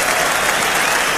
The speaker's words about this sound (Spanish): Y es de la nitidez de los aplausos, tío.